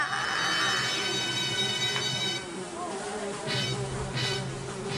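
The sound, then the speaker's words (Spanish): A housefly buzzes loudly with a steady droning whine, easing off after a couple of seconds, while faint voices murmur in the background. “Hay una mosca, ¿eh?”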